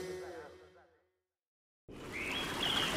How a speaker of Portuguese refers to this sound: Feche os olhos. Está a ouvir? Não é apenas o canto dos pássaros. É o som do amanhecer na Amazónia.